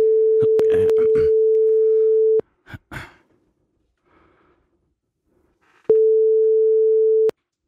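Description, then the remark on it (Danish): A telephone ringing tone sounds while a call is placed: a steady, clear electronic tone that pulses twice with a long silent gap between, accompanied by faint breathing and rustling. “Så ringer vi.”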